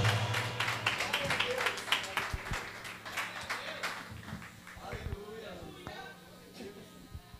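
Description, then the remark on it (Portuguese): A church audience claps hands together to welcome their pastor, in a steady, fairly loud burst of applause that thins out toward the end, with voices murmuring underneath. “Vamos bater palmas pela presença dele aqui neste lugar.”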